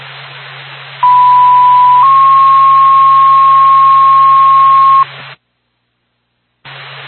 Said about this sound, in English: Send the fire department over to 199 Mountain View Road for a fire alarm activation. Back, Whitefield Fire Department, stand by for tone.